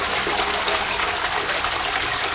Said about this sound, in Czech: A nebo třeba klasika, no. Že jo? No ne, tak jako klasický zvuk známe záchoda je tohle.